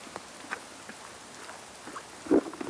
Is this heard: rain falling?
yes